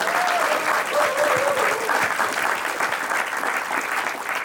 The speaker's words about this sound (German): Vielen Dank Ihnen allen. Sie wissen gar nicht, wie viel Sie zum Gelingen einer Sendung beitragen eigentlich. Durch Ihr aufmerksames Zuhören, Mitfiebern und Klatschen und Applaudieren und Jubeln. Das ist wirklich fantastisch.